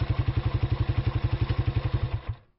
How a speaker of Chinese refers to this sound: 哎，这发动机怎么突然熄火了？